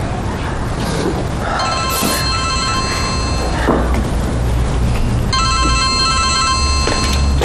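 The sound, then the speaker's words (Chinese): A telephone rings with an incoming call from a mother, in two long bursts of bright, steady electronic tones, separated by a short gap, with a low rumble of background noise underneath throughout. “接我妈电话。”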